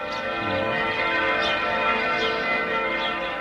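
A church bell rings with dense, overlapping metallic tones that hum and shimmer steadily throughout, loud and continuous with no pauses and no voices.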